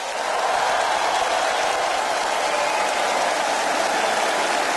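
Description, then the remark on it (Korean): A large crowd applauds a performance by a children's choir of about 700 singers from 13 regional branches of Far East Broadcasting at a patriotic festival, in a dense, steady wash of clapping that stays loud and even for several seconds, with no voices breaking through. “여러분 뜨거운 박수를 아껴서는 안 되겠죠?”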